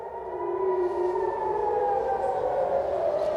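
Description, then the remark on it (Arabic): Air raid sirens across dozens of Israeli towns, from Jerusalem to Greater Tel Aviv and north to the Upper Galilee, wail after missiles launched from Iran were detected, in a steady, sustained tone with layered pitches drifting slightly, holding loud and constant after a quick rise, with no voices over them. “نعم، صفرات الإنذار تشمل عشرات البلدات وبينها المدن المركزية وكل المنطقة الممتدة من القدس إلى تل أبيب الكبرى ومنها شمالا حتى مناطق الجليل الأعلى بعد رصد صواريخ أطلقت من إيران على هذه المناطق.”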